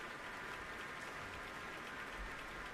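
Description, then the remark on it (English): Sustained applause from a standing concert audience at Powell Hall after a performance with Yefim Bronfman, a dense, even wash of clapping that stays steady throughout without any voices on top. “And the applause is continuing at Powell Hall, and I'm sure Yefim Bronfman is going to have to come out at least one more time.”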